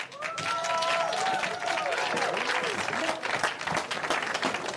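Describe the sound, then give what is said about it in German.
Sustained audience applause at the Parkfest, dense and steady for several seconds, with cheers and whoops rising over the clapping of a sizable crowd, applauding an adventure song sung at the end of the Pop-Off-Show. “Einen fetten Applaus dafür, bitte.”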